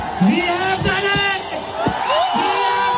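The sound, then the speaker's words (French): A dense crowd of young protesters shouts and cheers together in an explosion of joy on the Jean Tarmentard esplanade, many overlapping excited voices rising in whoops over a steady roar of babble, loud throughout. “L'explosion de joie des jeunes manifestants sur l'esplanade de Jean Tarmentard.”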